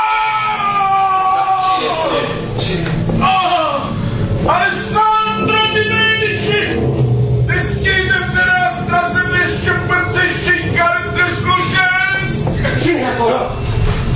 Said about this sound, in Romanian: Cine-i acolo, noroi? Cine se târăște pe lângă zidurile palatului meu și urlă ca un diavol?